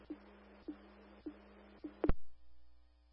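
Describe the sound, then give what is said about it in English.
A fire dispatch alert tone: a low, steady electronic tone pulses four times at an even pace, then a sharp, louder burst follows and rings out into a fading hum. “Can you place the tone, please? Chris, your ambulance is committed. Place the tone.”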